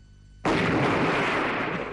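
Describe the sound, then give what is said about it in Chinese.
After a brief quiet lead-in, a sudden loud blast erupts into a dense, sustained roar of wartime noise: Japanese warplanes in the sky strafing with gunfire and dropping bombs, with no voices. “这日本鬼子的飞机啊，在天上是又是扫射又是扔炸弹，就像那庐山的瀑布，飞流直下三千尺，是一世银河落九天。”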